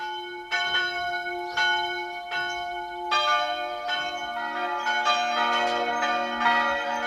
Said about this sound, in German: Es ist 12 Uhr. Sie hören die Glocken der Pfarrkirche von Mariasdorf im Burgenland.